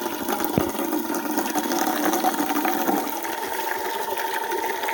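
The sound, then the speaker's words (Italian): A steady stream of water runs continuously from a fountain, an even splashing hiss with a brief low thump near the start and no talking. “Adesso falla buttare un po', eh! Perché sennò è calda!”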